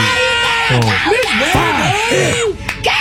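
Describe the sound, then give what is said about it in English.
Loud, sustained screaming and whooping from a few family members cheering a graduate, voices rising and falling in wild pitch swoops over a dense crowd-like background, continuing without a break. “The family that screams too long for your graduate.”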